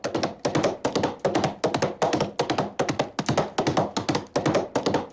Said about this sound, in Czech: Jeho údery kopyt mají uhrančivý rytmus. Ale pozor, kůň umí jít, cválat a klusat. Klus není nic moc a jeho rytmus je spíše chaotický. To cval, to je jiná jízda.